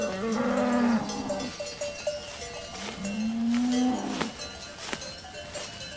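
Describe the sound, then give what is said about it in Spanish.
Two long, low moos from cows on a high mountain pasture, a meadow cleared in the forest, in warm weather, each swelling and fading, with the scattered clank of cowbells between them and no voices present. “Solo ahora hace suficiente calor para que las vacas suban a estos altos pastos.”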